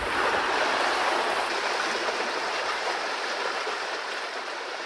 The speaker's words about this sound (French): À 10 minutes de là, changement d'ambiance à la rivière. Mais ce jour-là, pas un chat. C'est pourtant bien là que vous trouverez le plus de fraîcheur.